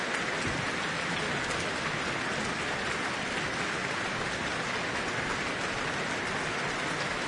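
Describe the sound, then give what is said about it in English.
A concert audience applauding the Auckland Philharmonia and conductor Eivind Aardland after Mozart's Symphony No. 40 in G minor, a dense wash of many hands clapping that holds at an even level for several seconds with no voices over it. “The orchestra is on their feet again, receiving their applause.”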